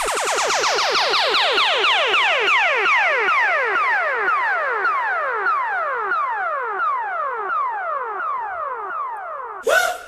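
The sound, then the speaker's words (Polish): A radio chart jingle meant for the number-one position: a loud electronic run of rapid, repeated falling pitch sweeps that sounds almost like a siren, steady for several seconds before ending in a short burst. “To był ten dżingiel przeznaczony na miejsce pierwsze”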